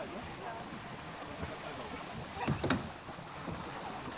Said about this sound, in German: Nach und nach trudeln die Boote wieder ein.